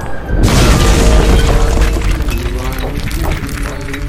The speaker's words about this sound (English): The boulder slammed into the ground. No one was hurt. The massive stone hit so hard that nearly half of the stone went into the ground.